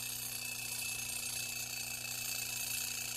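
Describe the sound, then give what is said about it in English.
An alarm clock rings continuously, a harsh, bright, steady jangle at constant loudness throughout, with a low hum underneath and no voices. “Don't you hear that alarm clock?”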